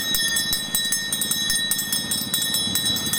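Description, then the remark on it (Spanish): An ice cream vendor's handbell rung rapidly and continuously, producing a bright, metallic jangle of quick repeated strikes, fairly loud, with no voices. “¿Sonando la campanilla? La campana, tengo helado, bebida, patata, frutos secos. A ver, ¿cómo suena la campana?”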